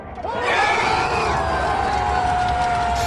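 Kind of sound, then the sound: crowd, football supporters cheering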